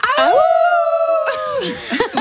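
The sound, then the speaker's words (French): A group of people imitating a wolf, at a festival named after the legend of the wolf of La Fontaine, let out a long, steady howl together, rising at the start and sliding down at the end, before breaking into chuckles and laughter. “C'est un festival qui porte vraiment bien son nom avec la fameuse légende du loup de La Fontaine.”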